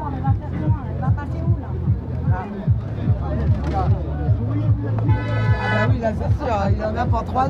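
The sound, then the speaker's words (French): Angry truck drivers honk their deep horns in long, overlapping blasts as they try to force their way through a roadblock, joined midway by a brighter, higher honk, while a crowd murmurs and voices chatter throughout. “Qu'est-ce qui se passe ? Ah, c'est des camionneurs qui s'énervent.”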